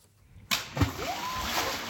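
After a moment of near silence, a stone thrown into the water plunks with one sudden splash, followed by a deep gulp and a lingering wash of noisy background sound, with cheering in the background.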